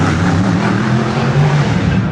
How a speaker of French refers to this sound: La foule est compacte derrière les barrières pour entendre rugir les moteurs.